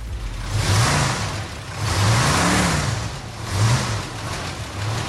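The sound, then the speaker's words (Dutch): An engine of one of many parked, empty vehicles at the pony market in Enter revs up and drops back three times in a row, loud, each rev a throaty rising-and-falling roar over a steady idling rumble, with no voices. “ik sta hier nu bij een hele hoop lege voertuigen, waarvan één je zo even met de motor hoorde”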